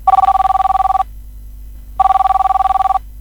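A telephone rings in two loud bursts of rapid trilling, each about a second long, separated by a brief pause, with no voices present.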